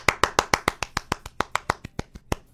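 Hand clapping in a quick, steady rhythm, about sixteen sharp claps in a row, moderately loud, with no voices over it.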